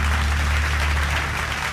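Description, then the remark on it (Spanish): Steady, dense standing ovation from a large audience at an awards event fills the whole moment, a loud wash of many hands clapping at once with a low hum underneath and no voices. “Sí, aplausos.”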